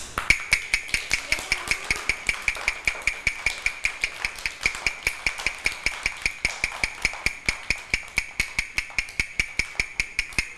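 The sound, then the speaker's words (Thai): A teacher knocks a steady, fast series of sharp knocks evenly for about ten seconds, roughly four to five strikes per second, demonstrating a fast beat for children, clear with no talking. “คือจังหวะอะไรคะ เร็ว จังหวะเร็ว”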